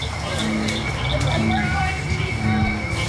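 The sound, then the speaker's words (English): A dense night chorus of frogs, including cricket frogs, bullfrogs and bird-voiced tree frogs: many overlapping trilling and whistled calls form a steady wall of sound, with deeper croaks repeating every second or so underneath. “Cricket frogs, bullfrogs, and even the bird-voiced tree frog all add their songs to a growing chorus.”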